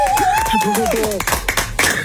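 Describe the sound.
Applause from a small group, a steady patter of close hand claps lasting the whole moment, with voices calling out and cheering over the first half.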